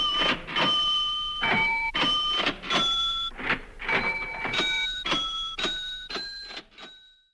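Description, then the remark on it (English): A musical cash register by an electronic music composer, played as music: a rhythmic run of mechanical clunks and rattling keys, each hit topped by a ringing bell tone that steps between several pitches, with no voices. “For now, I'll leave you with … musical cash register.”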